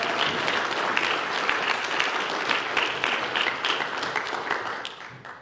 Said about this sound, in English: Let's give the choir a hand clap. Amen. They do a great job.